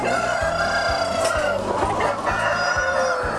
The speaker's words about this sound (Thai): ต่อไปก็ต้องมารีดน้ำเชื้อไก่พ่อพันกันล่ะครับ เวลาจับไก่ต้องจับให้ถูกนะครับ